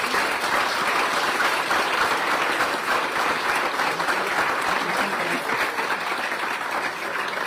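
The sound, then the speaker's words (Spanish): A crowd in Parral applauds steadily for the people who run daycares in the city, a dense, continuous wash of clapping that holds at an even, fairly loud level for the whole stretch without fading or breaking. “Aquí veo algunas personas que tienen guardería y yo les quiero pedir que les den un fuerte aplauso a todas las personas que tienen una guardería en la ciudad.”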